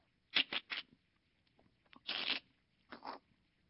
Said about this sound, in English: The snake had a place where it could break the egg right in its body.